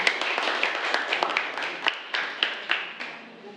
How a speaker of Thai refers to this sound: ขอเสียงปรบมือให้กับตัวแทนนี้ด้วยค่ะ